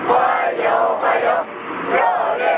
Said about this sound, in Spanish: Con decenas de niños con banderas de China y Rusia que han vitoreado a su llegada